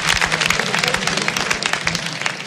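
A crowd applauds two artists as they are introduced, many hands clapping in a dense, continuous patter at moderate loudness, with no one speaking over it.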